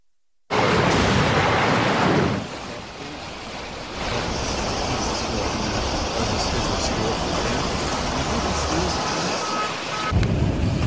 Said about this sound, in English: That's a look at some of the water rushing through neighborhoods out of Newport Beach, California. That was just on Friday, just yesterday.